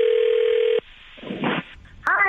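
A steady telephone dial tone hums loudly for under a second, then cuts to brief rustling, clicking dialing sounds as a prank call to a skywriting company is placed, before a new tone rises at the end.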